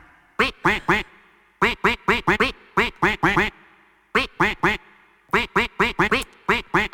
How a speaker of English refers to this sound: The duck is going to quack a melody. You have to guess what the song is.